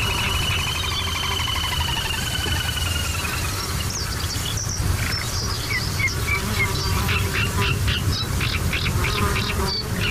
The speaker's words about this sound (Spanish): Y sobre todo ese zumbido como un poco desquiciante, que son los insectos, los mosquitos.